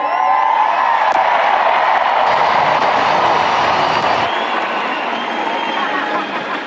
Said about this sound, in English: Tonight, 60,000 fans came together to have fun, enjoy, and I'll tell you, this was one of the most electric crowds we've ever seen on tour.